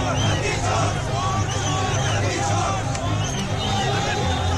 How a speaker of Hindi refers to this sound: हजारों की संख्या में विपक्ष के कार्यकर्ताओं की भीड़ 4 बजे 12 खंबा रोड से सुप्रीम कोर्ट के लिए निकली।